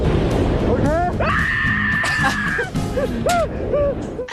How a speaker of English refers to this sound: This is how you would scream, by the way. The scream is the best thing ever.